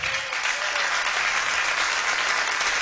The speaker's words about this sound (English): That's all the married people clapping, by the way.